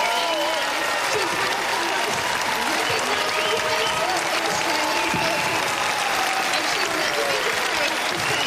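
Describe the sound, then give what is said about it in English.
Loud, sustained applause from a large audience, a standing ovation as Pauline Hanson takes the stage, fills the whole stretch, a dense wash of clapping with scattered cheers and voices rising over it, steady and unbroken throughout. “What a standing ovation.”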